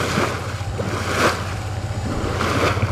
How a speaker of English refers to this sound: About 9 miles from the canal, in the master planned community of Anthem, Colorado River water is coming out of a pipe, bubbling into big holding ponds. They're owned by EPCOR, a private utility company.